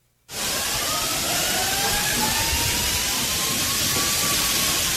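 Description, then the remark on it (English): Rushing water bursts in abruptly and holds as a loud, steady hissing roar, with a faint thin whine drifting through it, inside a shopping mall in Japan whose walls and roof partially collapsed in an earthquake. No voices are heard. “Yeah, you can hear the water. You know how the water goes off?”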